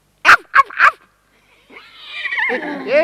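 A horse neighs: three short, sharp snorting bursts, then after a brief pause a long, quavering whinny that rises in loudness toward the end.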